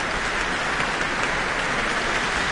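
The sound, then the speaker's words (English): An Auckland concert audience applauds warmly after the New Zealand Symphony Orchestra's world premiere of Leonie Holmes' I Watched a Shadow, as the composer comes to the stage: a dense, steady wash of many hands clapping at an even loudness throughout, with no voices over it. “And we have Leonie Holmes coming to the stage to receive her very warm applause from the Auckland audience tonight.”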